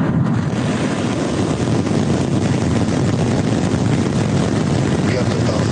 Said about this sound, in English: SpaceX completed a successful test flight of its next-generation Starship rocket on Friday. 5, 4, 3, ignition.